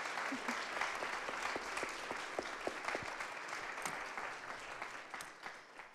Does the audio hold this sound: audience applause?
yes